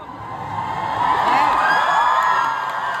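A big crowd cheers and whoops loudly at a concert, a dense wash of shouting voices that swells in the middle and holds steady for about three seconds.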